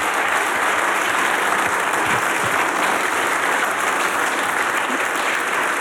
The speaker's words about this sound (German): Und jetzt einmal einen riesengroßen Applaus, weil das spritziger spielt, das geht ja gar nicht anders.